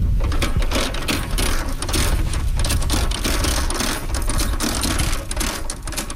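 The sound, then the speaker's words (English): A loud, steady mechanical clatter from a tractor engine making rows on a farm during cabbage planting, with a rapid rhythmic chugging and a deep rumble throughout, and no voices. “As one team member was using a tractor to make rows, another was using a planter to make holes to put the plants in.”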